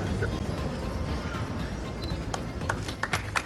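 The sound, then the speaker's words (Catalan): A crowd in Tarragona breaks into applause ending a minute of silence for three youths who drowned at Rabassada beach, a dense rush of many hands clapping, with sharper individual claps popping out more often toward the end. “Amb aquest aplaudiment acabava el minut de silenci que la ciutat va guardar ahir per acomiadar-los.”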